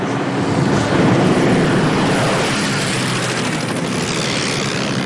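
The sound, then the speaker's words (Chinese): A loud, steady droning roar of Japanese propeller bomber aircraft coming to bomb the road at the 24 Bends, filling the whole stretch without a break, with no voices. “队长，是24道拐那边，他们又来炸路了。”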